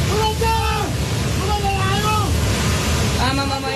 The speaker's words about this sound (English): Videos emerging from the Himalayan border region depict scenes that look like something out of a sci-fi movie. This one shows a towering mass of mud and rock tumbling into a river, triggering a torrential flash flood.